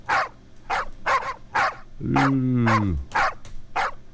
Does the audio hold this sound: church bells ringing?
no